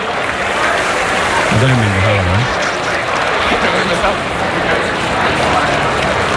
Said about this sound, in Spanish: La verdad que la ovación que le están tributando a Roger Federer